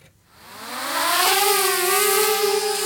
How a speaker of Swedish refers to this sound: Så här kan det låta när Göteborgs polisen gör en utryckning. Hörde du vad det var, Morgan? Det lät som en rallybil, eller en sån här Formel 1-bil. Ja, det här var inte en Formel 1-bil. Det var en drönare, bland annat utrustad med blåljus,